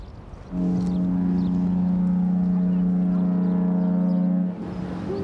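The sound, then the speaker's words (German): A boat horn gives one long, loud blast lasting about four seconds, a deep, steady, buzzing tone rich in overtones that starts abruptly and cuts off cleanly, with faint background noise around it. “Hupe funktioniert.”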